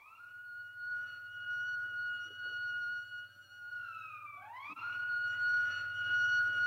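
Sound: alarm siren wailing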